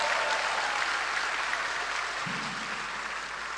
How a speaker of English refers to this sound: Thank you. Give them a good clap offering.